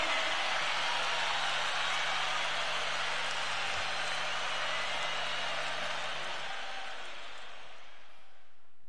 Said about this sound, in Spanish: fuerte el aplauso.